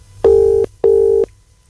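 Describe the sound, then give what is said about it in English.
An outgoing phone call's ringback tone sounds one double ring and goes unanswered: two steady, mid-pitched electronic tone bursts with a short gap between them. It is clear and fairly loud, with no voices. “I've hung up and I'm going to have to try somebody else.”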